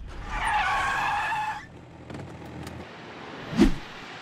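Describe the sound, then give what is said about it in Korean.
A truck brakes hard, its tires letting out a loud, wavering screech for about a second and a half before it falls quiet, followed by a short dull thump. “트럭을 멈춰라!”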